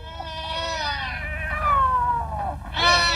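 Three large black cats around an Egyptian mummy yowl and wail in long, drawn-out, wavering cries, loud, with one rising howl overlapping another and a sharp new yowl bursting in near the end.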